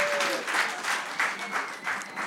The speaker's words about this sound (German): Großen Applaus und vielen Dank, …!